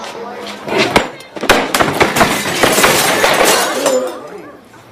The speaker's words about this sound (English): Looking furious, he throws a chair across the room.